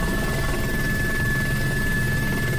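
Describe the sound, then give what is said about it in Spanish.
Steady, loud rotor and engine roar inside the cabin of a firefighting helicopter working to put out a wildfire at La Bisbal that has burned more than 1,280 hectares, a constant low throbbing drone with a thin whine running through it, with no voices. “Y este es el sonido desde el interior de uno de los helicópteros que trabaja en la extinción del incendio de la Bisbal, un incendio que ha quemado ya más de 1.280 hectáreas y que mantiene confinados a varios municipios.”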